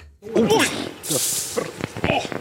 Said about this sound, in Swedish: skulle bända upp den 44 år gamla burken. Till och med räddningstjänsten var på plats.